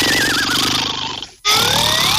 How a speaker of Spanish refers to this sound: Ronquido número 5.